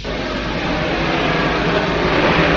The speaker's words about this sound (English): Door isn't going to budge. Give me the drill. Now the blowtorch.